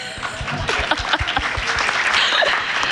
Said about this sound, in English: Can we get a round of applause for jovial?